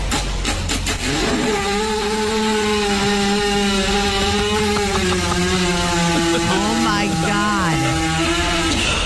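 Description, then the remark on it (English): A horse, lying down while a woman kneads its belly, passes gas in one long, loud, buzzing blast lasting about eight seconds, its low pitch holding mostly steady before wobbling and dipping toward the end, over constant background noise. “They can't burp or vomit, but listen to what they can do.”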